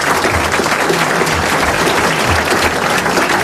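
An audience applauds steadily for a winner from Reims who won 500 francs, a dense, continuous patter of many hands clapping at a loud, even level with no voices on top.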